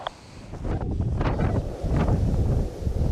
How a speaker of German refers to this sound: Starker Wind. Das ist unser Feind. Unser Freund, unser Feind.